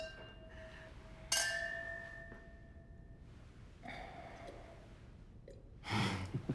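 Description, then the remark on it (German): A single bright clink of glasses rings out and lingers with a clear tone for a couple of seconds, followed by soft rustling and a breathy exhale or sigh near the end. “Ja, dann Prost.”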